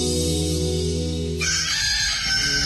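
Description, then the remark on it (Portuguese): A rooster crows loudly at 6:35 on a Thursday morning, one long harmonic call that breaks into a higher, strained final stretch, with no talking around it. “O galo está cantando, 6:35, está conosco nesta manhã.”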